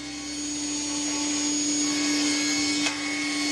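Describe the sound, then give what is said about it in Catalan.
An industrial saw runs steadily with a loud, constant motor whine and whooshing hiss, unbroken for the whole stretch, with one brief clack near the end, as a woman cuts a plank to the size she needs and gives it a regular shape in a small 60-square-metre workshop. “La Cristina engega la serra industrial. Ha de tallar un tauló a la mida que necessita”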